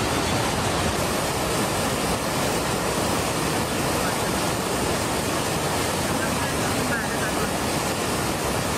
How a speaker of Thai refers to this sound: เด็กน้อยตกน้ำค่ะน้ำพัดที่น้ำตกข้ามพระตกแรงมากเลยตอนนี้ไม่รู้เป็นยังไงบ้างช่วยได้ไหม